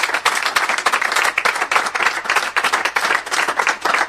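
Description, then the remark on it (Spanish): Sustained audience applause, dense overlapping claps from a crowd filling the whole stretch at a steady, fairly loud level, with no voices over it. “Ahí está, vamos con el aplauso.”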